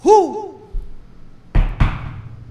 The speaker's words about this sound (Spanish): abre la puerta que están golpeando. Y el otro pensaba que era, le estaban haciendo el golpe como el bombo ese o el tambor.